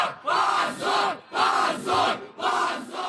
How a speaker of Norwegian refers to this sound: Skam, skam, skam, lød det fra flere hundre demonstranter utenfor høyesterett i Moskva tidligere denne uken. De protesterte efter at oppositionspartiet Jabloka blev utestengt fra parlamentsvalget, som skal være om nogle uger.